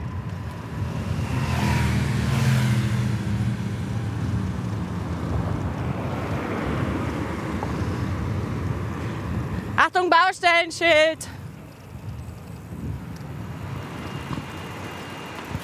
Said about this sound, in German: Ihr hört's, schnelle Autos, die an uns vorbeifahren. Abgase.